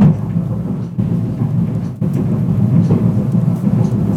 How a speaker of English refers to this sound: Sounds like a freight train's coming through the building. It does this every other week, really. It's madness. Anyway, it's quieting down for a minute.